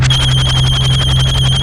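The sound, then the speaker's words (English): A telephone rings with a loud electronic trill, its tone rapidly warbling in a steady buzzing pulse that continues unbroken throughout, with no one speaking. “Let me get the phone.”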